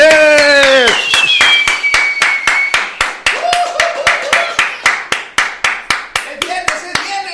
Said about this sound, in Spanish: muy buenos días, fuerte el aplauso.